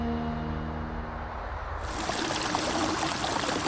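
Stream water rushes steadily, a continuous bright wash that swells fuller about halfway through, with a low steady hum underneath at the start; a stream by small bridges in Songzhuang Village, Songyang County, Lishui, among mud-walled, grey-tiled houses.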